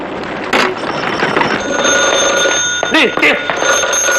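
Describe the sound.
A telephone bell rings continuously and fairly loudly while voices shout over it amid a busy, noisy background.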